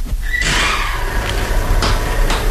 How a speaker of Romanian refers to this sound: O ușă s-a deschis.